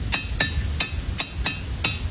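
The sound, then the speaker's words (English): Rocks knocking together in six sharp, hard clacks at an uneven pace, each a crisp impact with a brief ringing tail, over a low background rumble. “So in this challenge, we're going to talk about sounds and how we can make sounds with unconventional items, like rocks.”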